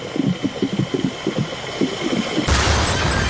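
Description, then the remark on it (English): In a game show's fuel bowser game, a rapid, rhythmic mechanical pumping chugs along as the dollar amount climbs, then the bowser goes boom in a sudden loud, rumbling explosion-style effect that roars through to the end. No one speaks. “unfortunately, you yelled out stop just as the Bowser went boom.”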